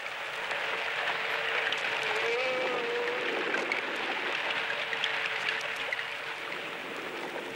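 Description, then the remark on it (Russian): Underwater ambience recorded by a hydrophone: a dense, steady hiss full of crackling and clicking, with a faint tonal whine drifting through the middle, continuous and fairly loud throughout. “В звуках подводного мира разобраться так же трудно, как и в обычном лесном гамме.”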